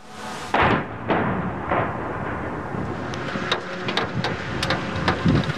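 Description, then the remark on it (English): Russian missile and drone strikes hitting Kyiv, Ukraine, overnight: several heavy, rumbling blasts in the first two seconds, then scattered sharper cracks and thuds over a steady roar of background noise. No voices. “The sound of missiles and drones striking Kyiv overnight.”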